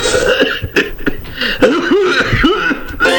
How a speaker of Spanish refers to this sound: Si estoy tosiendo es culpa de Ronald que pone esos efectos y te dan risa y ahí te vas al mazo con la resistencia.